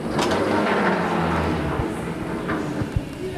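A large, heavy drawer of a museum's poster cabinet rolls open to reveal a poster hidden inside, with a steady, rumbling slide lasting a few seconds. Its low grinding is broken by a couple of small knocks and clicks toward the end.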